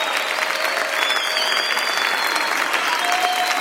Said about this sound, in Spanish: aplaudimos a ti, Señor. Te aplaudimos a ti, Jesús.